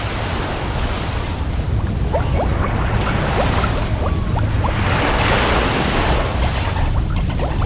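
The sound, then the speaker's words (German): Underwater reef ambience recorded while scuba diving at 10 metres depth, slowly descending, water temperature 29 degrees: a steady, dense rushing hiss fills the whole stretch, peppered with faint scattered clicks and crackles, with no voices. “Ich bin auf 10 Meter, sinke langsam, Druck normal, 1 Bar, Temperatur 29 Grad, alles normal soweit, hier im Griff.”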